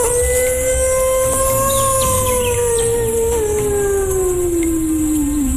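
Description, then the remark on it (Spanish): A person imitates a wolf howl as their turn in a contest for the best wolf howl, one long sustained tone that rises slightly, then slowly glides downward, loud, with no other talking. “Vamos a ver quién logra sacar su mejor aullido de lobo.”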